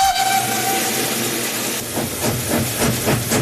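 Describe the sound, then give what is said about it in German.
An oil-fired steam locomotive from the historic RhB fleet hisses loudly and steadily, with a thin whistle tone early on, then rhythmic chuffing puffs emerging as it starts to move, hauling a festival train under steam from Landquart to Schiers, with no voices. “Mit Öl unterwegs hat der Festzug am Wochenende unter Dampf von Landquart auf Schiers gezogen.”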